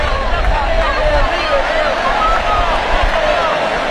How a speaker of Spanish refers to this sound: Con el aplauso de la gente y el grito de Messi, Messi, los brazos en alto. La última sonrisa vestido de jugador de selección argentina.